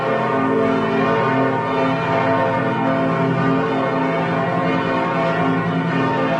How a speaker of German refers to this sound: So hört es sich an, wenn in Lübeck alle Glocken der 5 Kirchen gleichzeitig läuten. Eine der bekanntesten ist die Lübecker Marienkirche.